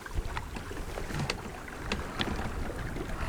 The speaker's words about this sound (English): You just feel yourself going, oh, it's beautiful. When you're out here on the boat, observing the water, listening to the water, observing the wind, you simply live in the moment.